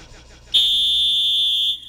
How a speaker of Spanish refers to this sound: Ay, carajo. Aquí está el pitazo.